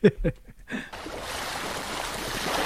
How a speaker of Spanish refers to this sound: Olas. Muy bien, correcto. Olas, el mar, sí, muy bien.